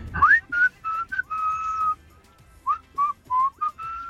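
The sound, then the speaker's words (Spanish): Someone whistles a bouncy song melody, a quick run of short rising notes, a long held tone, then a pause before another phrase of short notes and a sustained ending. “¿Es viernes de canciones de silbidos o qué?”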